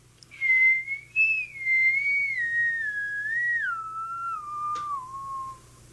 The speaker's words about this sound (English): Right away, he started in whistling it himself, and right away, I remembered it because we sometimes sang it for opening exercises in the Sugar Creek School.